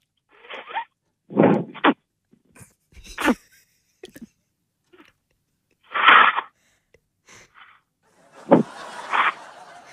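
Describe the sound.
A man imitates a jellyfish with a string of short, breathy vocal bursts, wheezes and sneeze-like puffs separated by pauses, with a rougher, noisier burst at the end.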